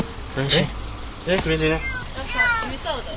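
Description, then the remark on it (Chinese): An orange kitten mews three times in short, high-pitched, wavering cries spaced about a second apart, over a steady low buzzing hum. The kitten is trapped in the engine compartment of a car parked at the roadside in Gushan District, Kaohsiung. “高雄市警局古山分局龙华所员警到场，确定有一只幼猫受困在路边车辆的引擎室内，随即通报动保处，并与现场热心民众展开救援。”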